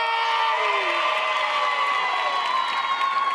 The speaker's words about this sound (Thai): ขอเสียงปรบมือให้กับคุณนาตาเลียเพลียแค